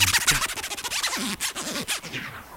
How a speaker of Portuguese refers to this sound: Que o som do scratch era parecido com o do zíper da minha blusa.